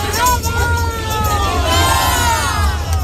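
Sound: crowd chanting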